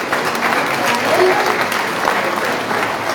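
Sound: audience applause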